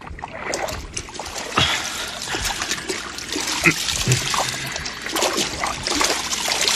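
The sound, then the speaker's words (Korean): Water sloshes and splashes steadily, with repeated trickling and splattering sounds as a minister bathes in a river, bathing seven times over, continuous throughout, no voices present. “장관은 강물 속으로 들어갔어요.”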